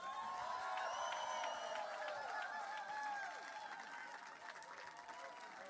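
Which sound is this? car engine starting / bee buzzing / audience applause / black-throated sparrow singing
audience applause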